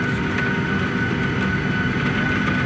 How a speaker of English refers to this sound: Our plane was 50 meters from the gate, and that's where we stayed. Sheets of rain, and you can hear the hail now. Pea-sized hail.